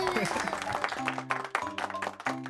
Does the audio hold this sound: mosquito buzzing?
no